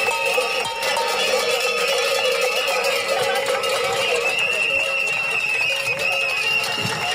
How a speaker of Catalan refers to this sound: És so d'aquesta protesta que s'ha fet al quilòmetre 229 d'aquesta via, la Nacional 260, just al costat de la parada d'autobús i d'altres serveis clau pel poble, al punt exacte on reclamen aquest pas.